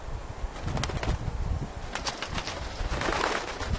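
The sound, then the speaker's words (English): Heavy wings flap and beat repeatedly as a flock of Himalayan griffin vultures arrives in the highlands and lands at a fallen sheep, chasing away a golden eagle, with a steady rustle of feathers and rough scuffling underneath. No one speaks. “Then, a flock of Himalayan griffin vultures, the scavengers of the highlands, arrive.”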